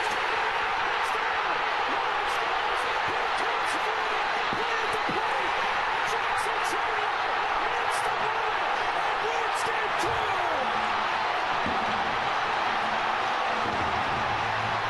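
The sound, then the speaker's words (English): A huge stadium crowd of Milwaukee Brewers fans roars after Churio's hit in a baseball game, a dense, loud wall of cheering and screaming that drowns out the announcers and holds steady throughout, with scattered sharp claps and bangs cutting through. “That was one of the biggest eruptions by a crowd I have ever heard, partially because it's a starved for winning a championship Milwaukee Brewers, best record in baseball this year.”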